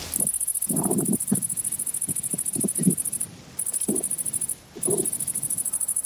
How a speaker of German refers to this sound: Ja, absolut. Das klingt nach einem Grashüpfer. Ein Grashüpfer, genau, die Grashüpfer. Und die ist ja ganz spannend, wie die Grashüpfer ihre Geräusche erzeugen. Da summt nichts, da brummt nichts.